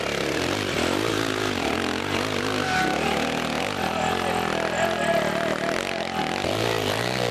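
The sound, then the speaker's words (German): A loud motorcycle engine revs continuously as it climbs a hill, its pitch rising and falling as the throttle works, steady throughout with no voices. “Doch dasselbe Motorrad wird von einem anderen nach ganz oben gebracht.”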